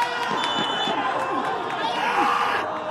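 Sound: crowd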